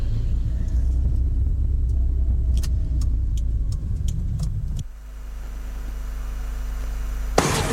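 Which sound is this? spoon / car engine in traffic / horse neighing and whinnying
car engine in traffic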